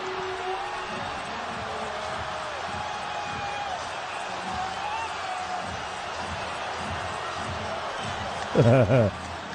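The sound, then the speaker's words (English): Dense, steady arena crowd roar at a New York Knicks basketball game against San Antonio, with the Knicks within four points and 4:30 left, fills the space: a broad wash of many voices with squeaks and thuds underneath, then a loud burst of horn-like tones near the end. “and you hear the crowd build.”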